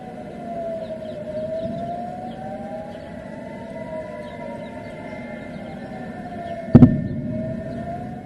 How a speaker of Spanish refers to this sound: Las sirenas también resonaron en la ciudad de Jerusalén.